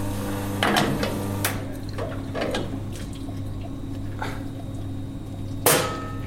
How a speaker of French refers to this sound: Là, je rince mon porte-filtre.